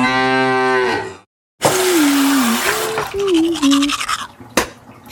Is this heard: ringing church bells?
no